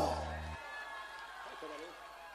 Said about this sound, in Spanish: bien fuerte el aplauso